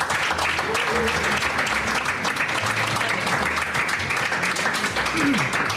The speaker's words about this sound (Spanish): Les damos un aplauso, mesedez.